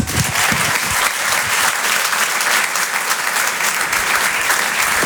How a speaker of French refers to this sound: Et je vous demande de l'applaudir très fort. Monsieur Tom Villa.